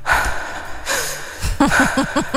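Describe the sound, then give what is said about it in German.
Heavy, breathy gasps and a drawn-out moan at the very start of a rock song, followed by a quick run of rhythmic panting breaths, all loud over a faint musical backing. “Erkennst du zum Beispiel dieses schwere Atmen, diesen, ich sag's wie es ist, diesen Stöhner?”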